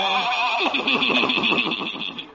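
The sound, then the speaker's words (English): A horse with Doc Yak Yak's horse-drawn buggy whinnies loudly, a shrill, quavering call that wavers rapidly for about two seconds before trailing off, with no talking. “Old Doc Yak Yak and his horse and buggy.”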